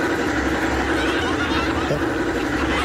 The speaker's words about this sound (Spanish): No prendió el carro, güey.